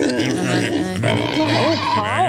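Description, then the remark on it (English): A person does a loud vocal imitation of a pig, producing a run of grunting, snorting oinks over about two seconds, with wavering squeal-like inflections toward the end. “You speak pig as well.”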